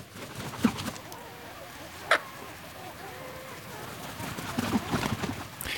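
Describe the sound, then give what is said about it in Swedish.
Scattered bird calls ring out over a quiet, steady outdoor background at night, with a few sharp chirps standing out and softer calls trailing off. Recorded at Björköby in Ostrobothnia, Finland, in the first dark hours of the Bird Song Night broadcast on Saturday 9 May, with no wind at all. “Närmare bestämt ut i fågelsångsnatten som vi sände i lördags den 9 maj. Så här lät det på en av våra sändningsplatser vid Björköby i Österbotten i Finland under sändningens första mörka timmar.”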